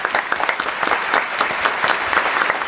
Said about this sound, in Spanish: Un aplauso para esta joven.